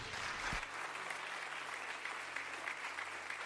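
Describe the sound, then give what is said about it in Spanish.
A room full of people applauds steadily for God at a preacher's call, a dense wash of clapping that stays loud and even throughout with no one speaking over it. “Póngame esto por acá, dele un aplauso a Dios.”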